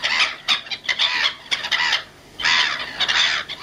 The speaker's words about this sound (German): Na? Ja, das sind Möwen. Ja, richtig. Lachmöwen. Gibt's wirklich.